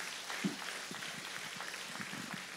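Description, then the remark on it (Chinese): An audience claps to give glory to Jesus, a steady, dense wash of applause that stays at an even, fairly soft level throughout, with no voices standing out. “对，拍手把荣耀归给耶稣。”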